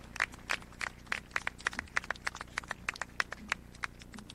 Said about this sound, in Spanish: Fuerte el aplauso, una obra significativa para toda la ciudad.